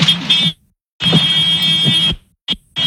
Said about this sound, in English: It almost sounds... honking a horn, right? Like, mm-hmm. That's what I thought it was, yeah. What is that? It's the alarm. It's a warning alarm.